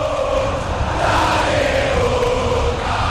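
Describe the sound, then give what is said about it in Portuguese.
A stadium crowd of Boca Juniors football fans roars steadily throughout during a match against Vasco, a dense wall of cheering with a wavering chanted tone running through it, loud and unbroken, with no single voice standing out. “a bola vai para a linha lateral, ouça a torcida Cida do Boca Juniors.”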